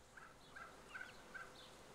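A Ronquière turkey hen acting as brood mother in Köhlau clucks softly four times in a steady, evenly spaced rhythm as she lures her chicks out. Quiet, over a faint background hiss with no talking.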